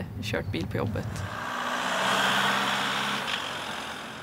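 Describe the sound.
A right-hand-drive postal delivery car drives along a road in Sweden with a steady engine hum and broad road noise that swells and fades slightly, after a brief voice at the start.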